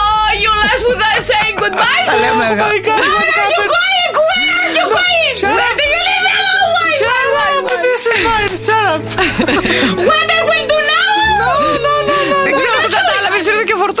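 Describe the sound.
A voice breaks into an exaggerated, theatrical wailing cry in English, imitating a hired British professional mourner, sobbing in long wavering pitches, with other voices overlapping and giggling throughout.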